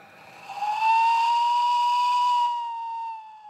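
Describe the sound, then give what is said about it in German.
A brand-new 1:5 scale replica of a narrow-gauge steam locomotive, modelled on the Walhalla-Bahn locomotive from Regensburg built by Krauss Maffei in 1926, sounds its whistle during a test run: one long, loud blast, a steady, bright mid-high tone with rich overtones, starting with a breathy hiss, creeping slightly upward in pitch, then softening. “Am Start der funkelnagelneue Nachbau einer Schmalspurlokomotive im Maßstab 1 zu 5.”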